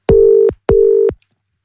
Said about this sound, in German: So, was drücke ich denn jetzt hier? Da drücke ich mal da drauf, dann da drauf und dann klingelt's. Und ich hoffe, sie geht dran.